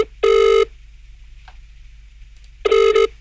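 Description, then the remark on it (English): A telephone call to Secret Harbor rings out twice, two steady electronic ring tones separated by a couple of seconds of near silence, fairly loud and clear with no one talking. “Let's make a phone call right now. We're going to make a phone call to Secret Harbor.”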